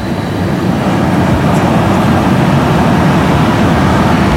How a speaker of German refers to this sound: Okay, der erste Zug ist hier lang gefahren, 3 Minuten Verspätung. Es war aber auf jeden Fall sehr leise.